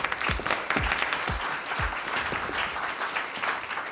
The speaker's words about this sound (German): Applaus!